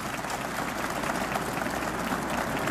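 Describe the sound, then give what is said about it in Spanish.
A crowd claps steadily for a Gospel reading that has just been read, a dense, even wash of many hands applauding at constant loudness for a few seconds, with no voices on top. “Ahora sí, dele un fuerte aplauso a esa palabra.”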